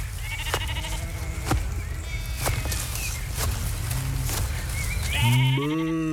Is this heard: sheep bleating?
yes